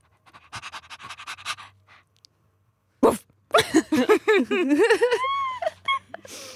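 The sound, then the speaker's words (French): A woman wearing dog ears imitates a female dog: quick rhythmic breathy panting, a pause, then a sharp burst followed by a string of high, whiny yelps and whimpers rising and falling. “Après la vouivre, la chienne...”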